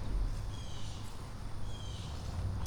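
Birds chirp faintly now and then in a yard on a hot, humid day, over a steady low outdoor rumble, with no one speaking.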